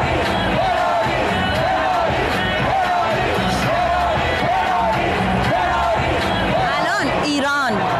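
A large stadium crowd of Belgian football fans cheers loudly, continuously and in unison at a group-stage match between Belgium and Iran, with rhythmic chants rising roughly once per second over a dense roar and a few louder whoops near the end.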